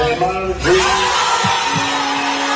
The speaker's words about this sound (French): La salle explose de joie.